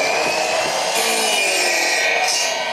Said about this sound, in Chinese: 选好之后锯成我们想要的长短，放到锅炉里面去蒸，蒸软之后就可以造型了。